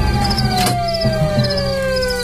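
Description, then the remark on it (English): A siren wails steadily, one long tone slowly gliding downward in pitch, with a sharp burst of noise partway through and a low rumble beneath. No one speaks. “Yeah, how do I turn this siren off?”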